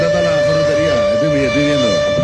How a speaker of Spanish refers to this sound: ¿Qué es eso que suena, hermano? Y las fotos que se vienen, seguramente. La alarma.